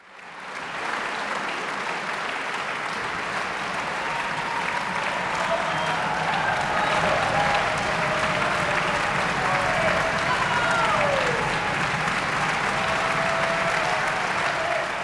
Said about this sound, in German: So viel Fußgetrappel und Jubel habe ich selten in einem klassischen Konzert gehört.